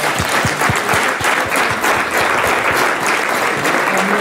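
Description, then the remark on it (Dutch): A crowd applauds weather presenter Sabine Hagedoren steadily, a dense, even patter of many hands clapping at full strength for several seconds, with no voices rising above it. “Graag applaus voor onze weervrouw, Sabine Hagedoren.”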